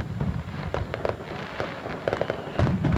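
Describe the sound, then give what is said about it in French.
Fireworks at a laser fireworks show in Sauvé-Singe burst in a rapid, uneven series of sharp cracks and pops over a steady low rumble, with a heavier boom near the end. No voices are heard. “Rendez-vous donc le dimanche 16 août à partir de 22h30 pour découvrir cette nouveauté, feu d'artifice laser à Sauvé-Singe le dimanche 16 août à partir de 22h30.”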